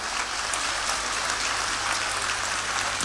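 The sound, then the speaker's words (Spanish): Steady audience applause fills the whole span, a dense continuous patter of many hands clapping at once, fairly loud, with no voices standing out above it, as the audience welcomes a woman being invited up to join the speaker. “Un fuerte aplauso para ella, por favor, para que nos acompañe.”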